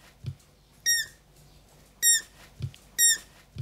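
Three sharp, high squeaks from hungry young animals, like a squeaky toy, spaced about a second apart, with soft low thumps between them. Fairly loud, no talking.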